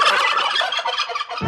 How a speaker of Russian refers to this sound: Индейка.